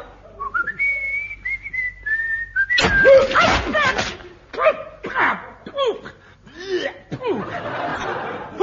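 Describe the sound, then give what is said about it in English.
A person whistles a wavering, sliding tune for a few seconds, clear, then it breaks off into bursts of laughter, chuckling and noisy commotion. “Stand on one leg and whistle.”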